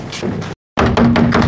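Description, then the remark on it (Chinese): Loud pounding on a door as someone demands it be opened, a dense flurry of heavy knocks that breaks off for a brief silent moment, then resumes just as hard and fast. “开开门 啊！”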